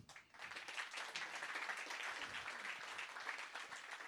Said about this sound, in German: Und natürlich auch einen Applaus für den Gerhard, der das Ganze hier auf die Bühne gestellt hat.